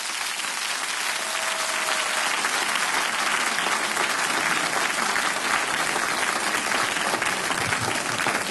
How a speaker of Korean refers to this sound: 뜨거운 박수로 맞아주시죠.